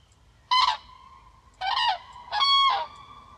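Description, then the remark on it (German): Three loud, brassy trumpeting calls from a common crane, clear, the last call drawn out longer than the first two, with faint background hiss between them. “Und sie haben natürlich auch ganz charakteristische Rufe, so eine Art Trompeten, das man auch oft hört, wenn der Vogel eigentlich fliegt.”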